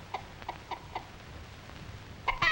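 An old hen clucks in short, evenly spaced notes, about four soft clucks, then a louder, sharper burst of squawky clucking at the end, with a faint low rumble beneath.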